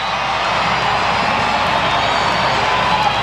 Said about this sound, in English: Crowd trying to get back into this one as well. Scoreboard's making some suggestions in the word scream.